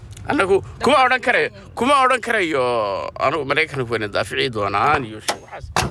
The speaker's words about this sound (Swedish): Intervjun sker i en bil.